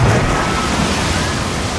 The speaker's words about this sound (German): Wir rutschen gemeinsam die Wasserrutsche runter. Sobald ihr in dieser Stunde dieses Geräusch hört.